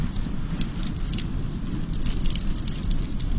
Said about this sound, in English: While other times, a nice campfire will do.